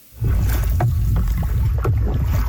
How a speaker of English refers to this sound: It was an epic river adventure honoring our collective history in Western Canada. A group of teens canoed their way along the North Saskatchewan River.